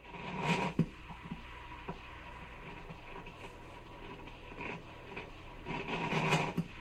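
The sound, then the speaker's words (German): A gleaming, chrome-clad coffee machine making milk coffee rattles and hisses, with a loud grinding burst at the start, scattered clicks and clatter through the middle, then a swelling rush of noise toward the end. No one speaks. “bei dem es knatterte, zugleich brodelte und am Ende mein geliebter Heißtrunk in der Tasse landete”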